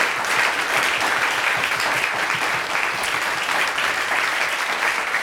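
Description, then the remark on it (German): A crowd applauds the event's technical crew steadily, dense clapping from many hands at a fairly loud, even level for several seconds, with no one speaking over it. “Einen Applaus für unsere Kollegen von der Technik, bitte.”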